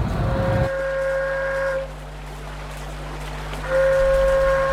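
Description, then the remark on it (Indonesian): A loud, steady seruling paret, a traditional flute blown by boat vendors along the Sungai Putat to call buyers, sounds a sustained reedy tone in two long blasts, pausing between them, over a low rumbling engine-like drone with no talking. “Maka kemudian seruling paret ini ditiupkan untuk menarik minat atau pelanggan untuk membeli bawa barang bawaan mereka.”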